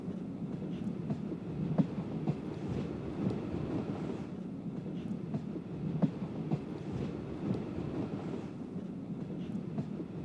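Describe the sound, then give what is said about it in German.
A steam locomotive train of the German federal railway rolls along the rails with a steady, heavy rumble, broken by occasional sharp clanks and clicks of wheels and couplings, with no voices. “Bald werden sie ganz aus dem Landschaftsbild verschwinden, die schnaubenden, stampfenden Dampflokomotiven.”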